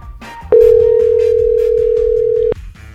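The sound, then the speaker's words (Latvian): A single steady telephone ringback tone, heard while dialing a woman's phone number, sounds for about two seconds, loud, over a quiet musical background, then cuts off abruptly. “Gerai, pamėginkim surinkti jos telefono numerį.”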